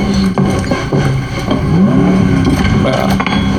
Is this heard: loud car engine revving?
yes